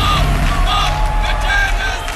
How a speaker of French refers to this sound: La Grèce et la Finlande qui filent vers le show de samedi sans surprise, aux côtés d'Israël aussi, dont la prestation a été légèrement perturbée. Bruit de sifflet et slogan « Arrêtez le génocide en soutien à la Palestine », tendez l'oreille.